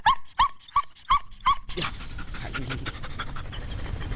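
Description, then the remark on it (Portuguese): Cobra Kai, a female dog of Portugal's GNR (National Republican Guard), pants in five quick breaths, then wet, slurping licks and rubbing noises crowd right up against the microphone as she licks it, loud and messy. “E agora está aqui a lamber o microfone, não é?”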